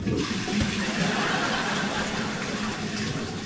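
Steady sloshing and rushing water inside a toilet bowl as a shirt is used to scrub splashes of fluid feces from inside the bowl, continuing evenly for a few seconds with no voices.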